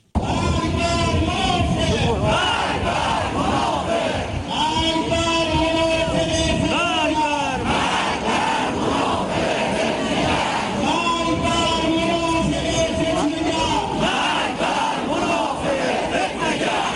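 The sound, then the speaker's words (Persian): A large crowd at a counter-demonstration in Hamadan shouts rhythmic slogans in unison, including 'death to the monafegh', loud and sustained, with repeated chanted phrases rising and falling in waves over a constant roar of voices. “برگزاری ضد تظاهرات با عربده های مرگ بر منافق در همدان”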